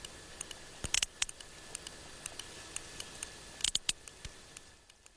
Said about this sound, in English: Now, that's the sound of a sperm whale from the eastern Mediterranean. A bit pacier, closer to the other dance mecca of Ayia Napa.